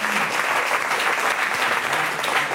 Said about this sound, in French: Applaudissements pour nos dicodeurs et dicodeuses.